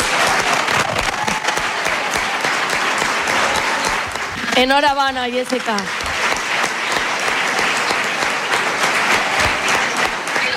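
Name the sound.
applause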